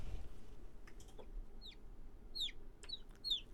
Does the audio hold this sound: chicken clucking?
yes